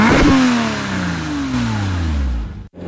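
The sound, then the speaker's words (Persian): A car engine revs hard and accelerates, its pitch sliding through gear changes over a few seconds before cutting off abruptly near the end. The car runs a red light and crashes into another car. “اکبر جون به پا طرف قرمز رد کرد. اوه اوه اوه اومد.”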